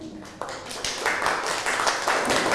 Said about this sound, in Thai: นั่งลงนะครับปรบมือให้กับเพื่อนหน่อยครับ